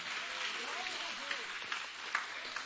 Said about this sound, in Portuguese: Bate as palmas bem alegre para o Senhor, aleluia.